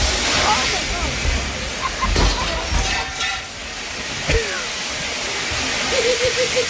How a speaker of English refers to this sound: That is so much water. It's a ton. That is so much water. It's not like a sprinkle. It's a huge gush. Like, because she broke the sprinkler head. It's like the commercial sprinkler system.